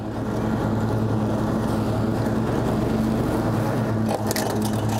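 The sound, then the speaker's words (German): A lawn mower engine drones steadily and loudly with a constant low hum and rough, churning texture throughout, briefly sputtering near the end as the blades chew through grass, as Christoph roughly mows a campsite plot. “Christoph mäht immer so brachial, weil seine Mitarbeiter die Messer wieder gut nachschärfen.”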